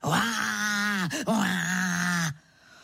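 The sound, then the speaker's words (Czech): A voice imitates the roar of a leopard standing in a garden under a window: two long, loud, groaning roars split by a brief catch of breath, steady in pitch and sounding on their own without any speech. “Levhart, to on tak řve.”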